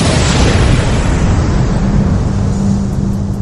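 A loud, sustained explosive roar with deep rumbling, a sound effect representing the Big Bang, that fills the whole clip and fades only slightly toward the end, no voices present.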